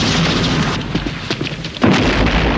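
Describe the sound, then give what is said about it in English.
A loud, dense battle din of gunfire in a James Bond film scene as Draco's men, led by Bond, fight their way into a building, with several sharp cracks punching through and a heavy explosive boom near the end that sends a guard flying over a railing, continuous with no talking. “Outside, gunfire is exchanged. An explosion sends a guard flying over the railing.”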